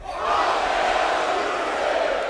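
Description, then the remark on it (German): A large crowd at the Summer Breeze Metal Festival in Dinkelsbühl, August 2026, roars back the chant "fuck AI music" in unison, a dense, loud wall of many voices shouting together and sustained steadily for a couple of seconds. “So, Summer Breeze, can I get a fuck AI music?”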